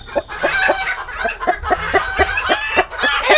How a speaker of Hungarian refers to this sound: Hát, igen, vagy ha tyúkokat hallgatsz. Egyébként én hallottam már tyúkokat, akik egészen hasonló hangot adnak ki, mint az emberi nevetés.